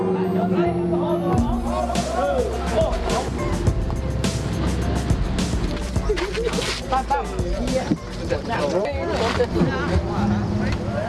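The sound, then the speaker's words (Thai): A long boat named Dara Sawan is launched into water for the first time after a blessing ceremony, in the Ban Saeng Dao community, amid a busy outdoor crowd, many voices calling and shouting over a steady low rumble, with splashing and commotion throughout. “ทำขวัญเสร็จแล้ววันนี้ได้เลิกเอาเรือดาราสวรรค์ลงน้ำเป็นครั้งแรกไปตามลุ้นกันนะครับ”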